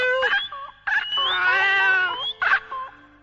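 A series of cat meows: two short cries, a long drawn-out wavering yowl in the middle, then another short meow, loud and tonal with no talking.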